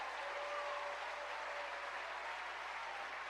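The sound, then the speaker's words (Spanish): An audience applauds the work of the Holy Spirit, a dense wash of clapping hands holding at an even level for a few seconds with no pauses and no talking over it. “¿Cuánto le dan un aplauso a la obra del Espíritu Santo?”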